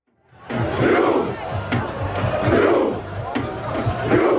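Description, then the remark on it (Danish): A large crowd of Norwegian football fans chants the rowing ('ro') battle cry in unison, loud massed voices repeating a low, steady call with sharp claps or beats punctuating the chant. “Ja, der har ellers været norsk fodboldfeber hele sommeren, hvor ro kampråbet her også er gået hele verden rundt.”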